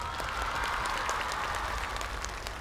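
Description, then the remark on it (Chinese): An audience claps steadily for a few seconds for the performers as voting ends, a dense wash of many hands at an even, fairly strong level throughout, with no voices over it. “投票结束了，掌声给他们，谢谢。”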